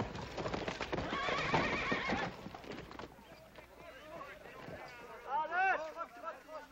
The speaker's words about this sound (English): That's what I call riding a horse. Oh, well, you gotta admit I tired him out a little bit.